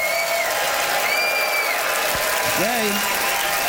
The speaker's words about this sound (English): All right, it is up to you to vote, Ottawa, by applause, who thought that Adam's pro Tom Cruise points were far and away the best. Adam Cauley.